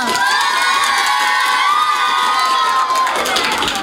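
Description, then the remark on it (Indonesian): A crowd of children cheers and shouts loudly and continuously, high excited voices blending into a steady roar with what sounds like clapping underneath, lasting the whole few seconds: applause for a student performer from SDN 5 Menteng on the Idola Indonesia Layak Anak show of Pro 1 FM RRI Palangkaraya. “Sekali lagi dong, berikan tepuk tangan yang meriah”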